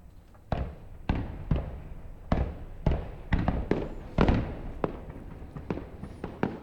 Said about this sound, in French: Le festival de feux d'artifice de Montréal a lieu sur une île en face du centre-ville de Montréal et qui est sur l'autre rive du fleuve Saint-Laurent. Et c'est ce qu'on entend depuis cette rive.